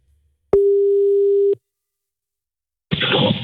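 A phone line's ringing tone from a call to a man's wife sounds once, a steady mid-pitched beep lasting about a second, followed by silence and then a sudden burst of crackly line noise.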